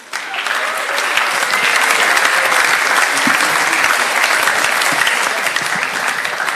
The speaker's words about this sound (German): Okay, also dann Applaus für die Workshopleiter.